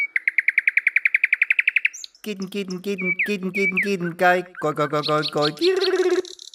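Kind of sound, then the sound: bird, song thrush singing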